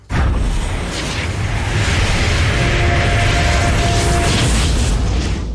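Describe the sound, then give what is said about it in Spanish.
A teleportation sound effect, teleporting to the Grieta del Invocador (Summoner's Rift): a loud, dense rushing roar with deep rumble that swells and holds for several seconds, a thin high tone ringing through its middle before it cuts off. “Bueno, pues necesito que te agarres fuerte a la silla y te prepares porque nos vamos a tener que teletransportar.”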